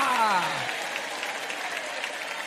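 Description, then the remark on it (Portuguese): Steady crowd applause as believers raise their hands and applaud the name of God, a dense wash of many hands clapping at even loudness, with a voice speaking over the start and trailing off early. “Quem crê que Deus existe, levante a mão e aplaude o nome dEle.”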